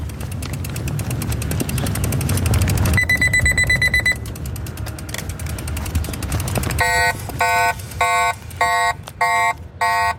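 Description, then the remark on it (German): An e-bike's two-stage anti-theft alarm, set off in a staged theft: a short, smaller steady electronic tone, then a loud, harsh deterrent alarm blaring in rapid repeated bursts, over low rumbling handling noise. “Das ist der zweistufige Alarm, den wir gehört haben. Zuerst ist der erste kleinere Alarmton und nachher kommt der wirklich störende und zurückschreckende Alarmton.”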